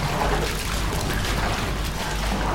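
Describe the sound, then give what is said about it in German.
Steady sloshing and splashing of cold water as children's feet tread through a shallow pool in a water-treading exercise, a continuous churning wash with small irregular splashes, fairly loud, with no talking. “Wasser treten.”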